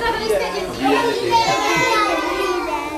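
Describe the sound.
Several young children chatter and call out over one another in a lively kindergarten in Jihlava, Czech Republic, a steady busy hubbub of play with overlapping high voices.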